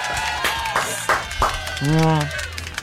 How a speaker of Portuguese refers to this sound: Senhoras e senhores, uma salva de palmas para o artilheiro dos gols bonitos, Dodô! Muito obrigado, muito obrigado.